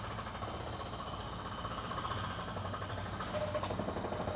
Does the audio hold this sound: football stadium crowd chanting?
no